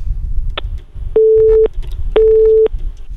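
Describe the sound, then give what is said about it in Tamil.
A telephone busy tone after a caller hangs up on a phone-in program: a click, then two steady, mid-pitched beeps, each about half a second long with a pause between, over a low rumbling background. “அவரது இணைப்பு துண்டிக்கப்படுகின்றது. அவராகவே துண்டித்து சென்று விட்டார்.”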